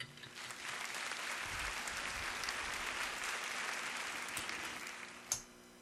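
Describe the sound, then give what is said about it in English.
A round of applause from a group, a dense, steady patter of many hands clapping for several seconds, with one sharper, louder clap standing out just before it ends. “I'm still going to give you a round of applause because you are quite young and you did well.”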